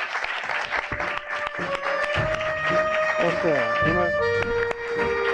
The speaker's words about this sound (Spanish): Podéis aplaudir, que estamos en Cantabria, en Cero Aventureros.